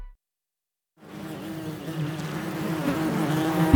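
A dense swarm of bees buzzes steadily after a second of silence, the drone growing slightly louder and fuller as it continues, without any voices.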